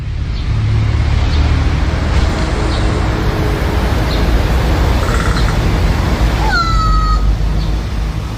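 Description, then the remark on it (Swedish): A crow in a tree in central Tampere (Tammerfors), Finland, gives a single cat-like meowing call, a short falling whine near the end that rises above a steady, loud rushing background noise filling the whole recording. “Både klapprande som kastanjetter och sen ett jamande som en katt.”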